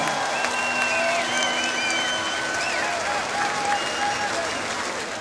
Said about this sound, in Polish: Kończymy interwencję. Wielkie brawa dla pokojowego patrona.